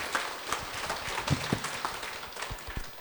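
An audience applauds, a dense patter of many hands clapping at once that holds steady for a few seconds, heard from a moderate distance in a small room, with no talking.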